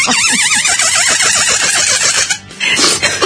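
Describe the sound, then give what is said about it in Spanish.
A squeaky rubber chicken toy, taken from a briefcase, lets out a loud, shrill, warbling squeal that wavers up and down in pitch, briefly breaks off near the end, then resumes with no talking over it. “Estaba haciendo la gallinita.”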